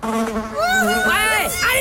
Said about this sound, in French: Les mouches, que pourraient dire les mouches si elles pouvaient parler?